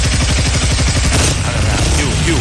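A just-repaired motorcycle engine sputters to life with a rapid train of low popping pulses, then settles into a loud, steady, rough running roar.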